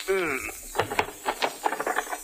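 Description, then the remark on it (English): A wavering wooden creak gives way to a run of sharp knocks and rattling thumps as a stuck drawer of an old trunk is wrenched and jolted open, fairly loud with no one speaking. “Boss, this trunk is so old, half the drawers won't open.”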